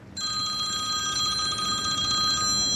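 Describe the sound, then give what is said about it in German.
The phone of roll-turf producer Roland Zahnt rings with a steady, high electronic trill that starts abruptly and continues loud for nearly three seconds, with no voices over it. “Der hat im Moment nicht so viel Zeit zum Reden, fast gäng läutet sein Telefon.”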